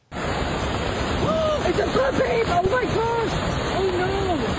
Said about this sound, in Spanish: Autoridades cerraron carreteras, cancelaron las excursiones porque grandes corrientes de agua, lodo y rocas descendieron por los cañones del parque. El Servicio de Parques Nacionales emitió una alerta por inundaciones repentinas.